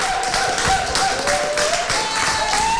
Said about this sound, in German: Diesen Applaus haben wir eingefordert und wir bekommen ihn. Nein, es gab keine Absprache mit diesem Applaus. Natürlich. Die haben das von alleine gemacht.